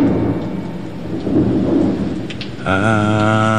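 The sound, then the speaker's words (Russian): A thunderstorm with very strong wind: low, rolling thunder rumbles over a steady wash of rain, fairly loud, before a sustained tonal sound joins in for the final second. “Меня интересовало, куда ты деваешься во время грозы, такой, как сегодня.”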